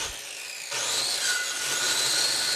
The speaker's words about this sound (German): sägt Baumstämme zurecht. Sie bohrt Löcher, hämmert und kommt dabei ordentlich ins Schwitzen.